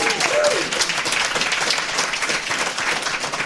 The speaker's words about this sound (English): So everybody in the room, give the listeners back at home a big hello and a round of applause for yourselves and for them. Linux Fest, let's hear it.